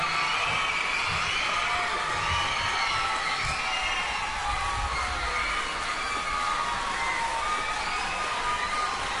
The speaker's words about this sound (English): Okay, I'm the best primary school intermediate choir in the Hong Kong region, and the Kowloon region goes to choir number one. So, applause for every personal comment from the primary school.